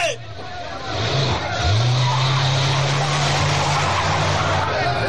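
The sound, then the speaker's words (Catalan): Immigration cars' engines rev up and pull off with a brief tire squeal, the steady motor drone holding loud over a wash of road noise and faint crowd murmur. “Els cotxes d'immigració s'allunyen”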